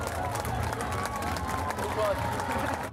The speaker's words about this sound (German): Hier kommen schon die ersten Kinder ins Ziel. Einen donnernden Applaus.